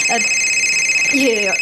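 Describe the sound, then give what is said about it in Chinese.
A phone rings with a steady, high electronic tone that holds through the whole moment, while brief bits of voice come and go underneath. “不好意思啊，我接个电话啊。”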